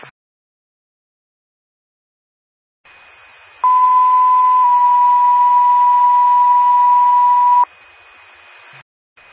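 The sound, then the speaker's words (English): Paging alert tones from a test of the McKiffin County 911 paging system over a hissy radio channel: a steady high tone sounds first, then a loud lower tone joins and holds for about four seconds before both cut off abruptly. “Sacramento Ambulance, this is a test of the McKiffin County 911 paging system.”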